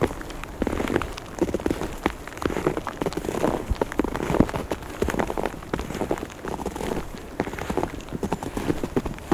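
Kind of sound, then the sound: nature, light fine rain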